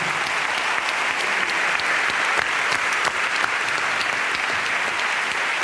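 A crowd claps steadily for several seconds, a dense, even wash of many hands with a few sharper claps popping out, loud with no voices on top.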